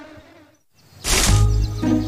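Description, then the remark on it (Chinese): Bees buzz with a droning hum that briefly drops away, then swells back louder, holding steady to the end. No one speaks. “跟着蜜蜂找蜂窝，有蜂窝就有蜂蜜。”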